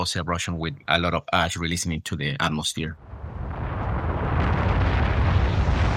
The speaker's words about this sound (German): Und wenn der Druck nachlässt, wird es zu Wasserdampf, der schnell entweicht und eine explosive Eruption beginnt. Ähnlich wie wir sie aus Filmen kennen. Starke Explosionen, bei denen eine Menge Asche ausgeworfen wird.